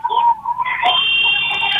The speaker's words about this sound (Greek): Ακούστηκε η κόρνα, επιστρέφουν οι παίκτες τσάικ από το time out.